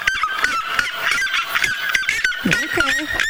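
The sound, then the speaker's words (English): A loud, shrill bird call of a red-legged seriema, a rapid run of piercing yelping notes repeating without pause, harsh, with no talking. “And this is the red-legged siema.”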